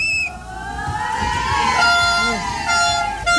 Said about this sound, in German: Und Schiedsrichter Louis in Olivgrün pfeift an.